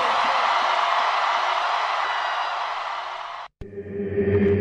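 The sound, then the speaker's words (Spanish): A dense, steady burst of audience applause fills the first three and a half seconds, then cuts off abruptly into a brief gap before music begins. “¡Fuerte el aplauso!”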